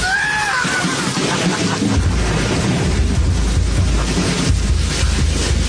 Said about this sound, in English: I'm glad we joined the fight against climate change, but, the storm still rages on.